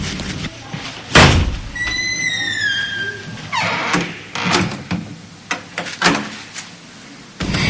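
A heavy door is angrily slammed shut with one loud thud, followed by a brief high, sliding squeak and a run of sharp clicks and rattles as a key is turned in the lock.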